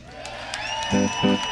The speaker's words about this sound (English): Ladies and gentlemen, how about a big round of applause